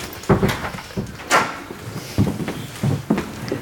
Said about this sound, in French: Vous pouvez fermer la porte, là.